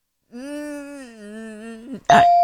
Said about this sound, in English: Oh, he's dinging his own bell, guys. I'm dinging my own bell now, just literally.